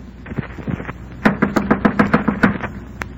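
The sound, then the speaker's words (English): A quick run of about eight firm knuckle knocks on a door at the top of a flight of stairs, in an even, steady rhythm. A few fainter taps come before them, and one last single rap follows. “Clench my teeth, my knuckles, and knock on the door.”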